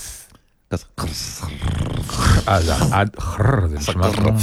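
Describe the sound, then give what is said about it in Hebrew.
Someone vocally imitates a fart: a loud, raspy, buzzing noise from the mouth that stretches on for several seconds with a wobbling pitch, following a brief quiet start. “לא, זה נשמע כמו שחרור.”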